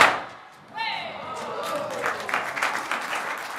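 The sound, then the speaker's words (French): A sudden burst with a falling whistle-like tone, then a few seconds of dense, scattered crackling pops like a string of firecrackers, moderately loud over the noise of a crowd. “Donc, puis-je entendre les pétards?”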